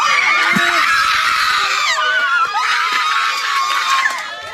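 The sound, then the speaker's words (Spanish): Relatives and friends of Gabriela Nicole Prats Rosario erupt in loud, sustained shouts of gratitude outside the Aibonito judicial center as Elvia Cabrera Rivera is found guilty, many voices screaming together in an excited, jubilant roar that swells in two waves and stays intense throughout. “Se convirtió en gritos de agradecimiento.”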